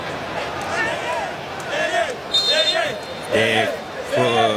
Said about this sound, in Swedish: Kongofans som hoppar och studsar och sjunger.